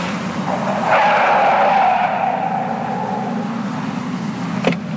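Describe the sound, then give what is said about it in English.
A driverless car acting as a cab rolls up and brakes hard, its tires screeching in a long squeal that fades out, followed by a brief thump as it comes to a stop. No one speaks. “Do you need a cab? All I hear is a voice. What are you? Are you one of those driverless cars?”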